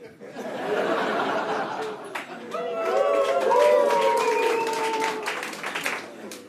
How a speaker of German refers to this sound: Jubel!